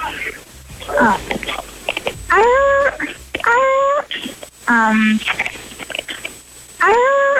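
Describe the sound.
A person imitates a seal's bark with a run of five or six loud, honking, pitch-bending calls in quick, uneven succession, with short breathy pauses between them.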